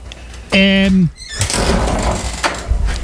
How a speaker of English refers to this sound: Somebody's got a squeaky door. Yeah, kitchen door.